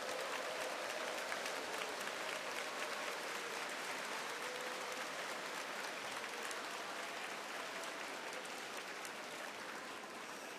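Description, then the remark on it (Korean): An audience claps steadily for about ten seconds to encourage fellow workers of faith standing at the front, a dense, even wash of many hands with no pause or voice breaking through, fading slightly toward the end. “앞에 계신 우리 믿음의 동역자들에게 격려의 박수를 보내주시기 바라겠습니다.”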